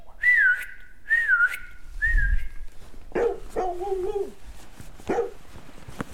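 A person gives three loud, sharp whistles in quick succession to call their dog, each with a wavering pitch, followed by a dog's excited barks and a short howling yelp.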